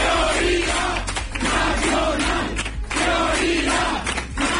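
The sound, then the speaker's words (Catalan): A large crowd at Vox party headquarters chants loudly in unison, repeating a short phrase ("¿Dónde está la mayoría?") in a steady rhythm about once a second, with a roaring wash of voices filling the gaps between shouts. “Es cridava la seu de Vox i no era l'únic crit.”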